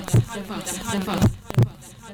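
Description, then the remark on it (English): A heartbeat sound effect in a Lekwa FM station jingle: deep, booming thumps, one early and then a quick double beat, layered over a voice and musical backing. “This is Lekwa FM, the heartbeat of the Vaal.”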